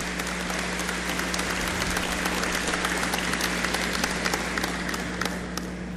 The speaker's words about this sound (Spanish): Les pido que por favor se brinden un fuerte aplauso en reconocimiento a su labor, a su trabajo, a su historia, a su trayectoria, ¿no?